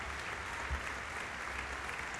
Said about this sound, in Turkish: İşte şu anda alkışlar onun için.